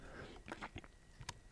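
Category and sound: food or drink, sipping coffee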